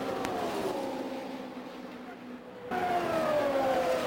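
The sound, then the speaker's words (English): Race car engines roar steadily during a 500-mile race at the Indianapolis Motor Speedway, their whining tones gliding downward in pitch. Partway through, the sound jumps abruptly louder, and another engine whine sweeps down. No one speaks. “This is Paul Page back at the Indianapolis Motor Speedway, where we have a fantastic 500-mile race underway.”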